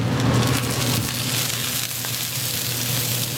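An oyster omelette of oysters, batter, egg and vegetables sizzles and spatters steadily in hot oil, a dense crackling hiss with scattered pops over a low, constant hum. No one speaks.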